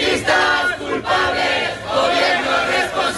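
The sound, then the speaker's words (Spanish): A large protest crowd of about 1,500 people in Logroño, Spain, called by the Sindicato de Vivienda to demand an end to evictions and property speculation, shouts and chants together. Loud, overlapping bursts of raised voices come with a steady rhythmic swell of many people calling out at once. “Estos fueron los gritos de una manifestación multitudinaria en Logroño con cerca de 1.500 personas que, convocadas por el Sindicato de Vivienda, reclamaron el final de los desahucios y la especulación inmobiliaria.”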